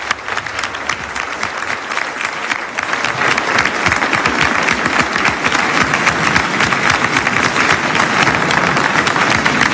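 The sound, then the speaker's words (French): A large audience bursts into sustained applause at the end of a speech, dense overlapping clapping that stays loud and steady throughout, swelling slightly after the first few seconds, with no voices standing out. “donc applaudit à la fin de son intervention.”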